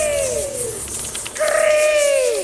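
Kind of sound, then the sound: bird, bird cooing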